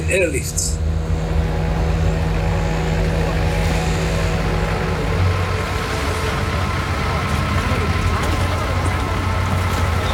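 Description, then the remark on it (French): A loud, steady airplane engine flying overhead drones continuously for the full length, its deep hum and rumble unchanging, with no pauses or breaks. “Mais après ça, nous avons abandonné les opérations par la mer et opté pour l'avion.”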